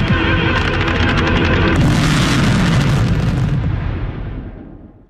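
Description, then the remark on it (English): A dense, continuous barrage of booming fireworks explosions, 2,300 fireworks set off to praise athletes for their performances at the Winter Olympics and the Men's Soccer World Cup, rumbles loudly with crackling bursts layered on top, swelling brighter midway before the roar gradually fades away. “2,300 fireworks were set off to praise athletes who delivered impressive performances at the Winter Olympics and the Men's Soccer World Cup.”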